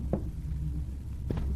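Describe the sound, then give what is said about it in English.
Two separate knocks on a cabin door, about a second apart, fairly muffled against a steady low hum, with no voices. “Do we answer it?”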